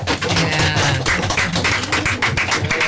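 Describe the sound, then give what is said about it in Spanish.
Orchestra musicians tap on their string instruments and drums as applause, a dense, steady patter of overlapping knocks and taps lasting the whole stretch, fairly loud and without voices. “Aplauso de cuerdas y de cajas.”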